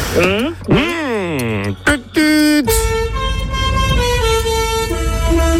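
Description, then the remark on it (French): A truck horn sounds loud, first in rising and falling wavering blasts, then as a long steady blare over a deep engine rumble. “Oui, c'est vrai. Un camion.”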